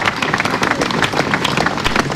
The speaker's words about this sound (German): Sie hören es, der Applaus zielt lange an.